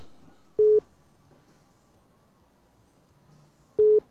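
Two short, steady beeps of a telephone busy tone, spaced about three seconds apart, each clear and moderately loud over a faint background hum with no talking.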